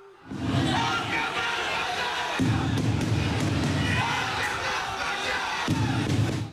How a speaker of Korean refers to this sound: 이른 새벽부터 수많은 팬들로 가득 찬 인천국제공항. 홍명보 감독이 입국장의 모습을 드러내자 야유와 고성이 쏟아집니다.